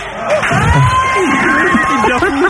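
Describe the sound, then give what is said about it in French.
A crowd at a live radio broadcast claps and cheers loudly and steadily, a dense wash of applause with shouting voices and a few whoops rising and falling above it. “Je voudrais que vous l'applaudissiez très fort.”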